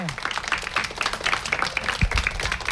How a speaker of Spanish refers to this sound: Y gracias a vosotros, un aplauso gigante.